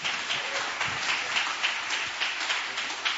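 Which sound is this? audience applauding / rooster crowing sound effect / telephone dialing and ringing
audience applauding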